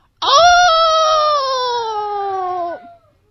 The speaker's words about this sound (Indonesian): Nah, saat mau menembakkan si pemburu itu di binatang, tiba-tiba di belakang itu ada yang siap untuk menerkam. Dia itu adalah binatang. Ya, serigala siap menerkam si pemburu.